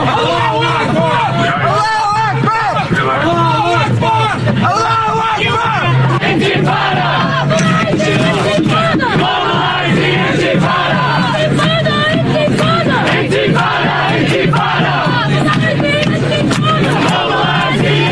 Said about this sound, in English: pro-Palestinian marchers, some holding pictures of the late Hamas leader, disrupted a vigil and took offense when Zoran Mamdani arrived, booing the New York City mayor.